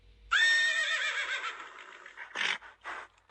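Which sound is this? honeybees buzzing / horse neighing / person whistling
horse neighing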